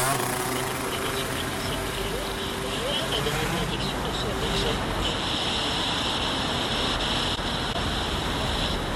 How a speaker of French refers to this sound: Alors du coup, est-ce que tu peux me dire pourquoi tu as choisi le bruit des voitures ? Parce que c'est un bruit que je trouve d'une part assez mélodieux et d'autre part assez rythmé.